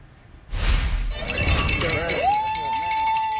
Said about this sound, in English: The bells ring in recognition of educational lessons learned as this man is recognized for his perseverance, coaching, and ability to get students to focus on their schoolwork and their lives.